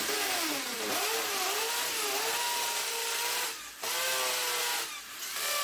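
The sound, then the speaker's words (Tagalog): A small multicab engine revs steadily while reversing, its droning pitch rising and falling in waves, with two brief dips in loudness before it picks up again. No one speaks. “Atras wala, atras. Napas paggamay mo ang multicab. Mao nang ni atras migbalik og wa mi magdugay.”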